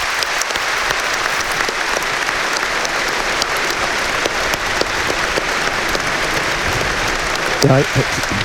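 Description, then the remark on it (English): Sustained applause from a large stadium crowd on All-Ireland final day, a moment's applause for the late Stephen Gormley, a former Monaghan Ulster champion; a dense, steady wash of clapping filling the whole stretch, with a brief voice surfacing near the end. “And before Aaron Levine, there's a nice moment's applause going to be had for the late Stephen Gormley.”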